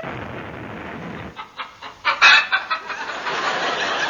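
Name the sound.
hens clucking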